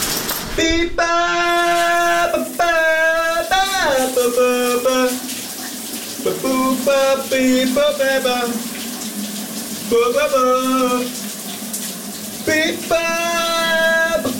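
A steady hiss of running shower water fills a shower cabin the whole time while a person sings sustained, wavering notes under the shower. The melody rises and falls over the constant spray.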